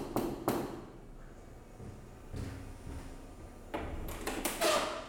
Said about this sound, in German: Ich klopfe an die dunkle, elegante Haustür aus Holz.